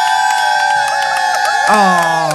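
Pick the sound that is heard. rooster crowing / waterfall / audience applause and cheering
audience applause and cheering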